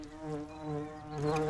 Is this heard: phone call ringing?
no